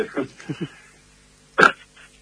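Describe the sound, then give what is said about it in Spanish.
A single loud, sharp sneeze bursts out after a few short vocal sounds, followed by a faint trailing breath and quiet. “Salud, te vino un estornudo justo.”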